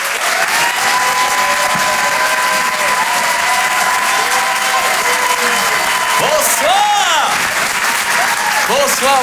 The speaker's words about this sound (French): Merci d'applaudir et d'accueillir Karim Duval.